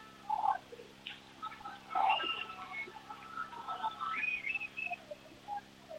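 Motril football fans in Spain shout and chant encouragement at a match, a continuous blend of overlapping voices with rising and falling calls, steady in loudness across the whole stretch.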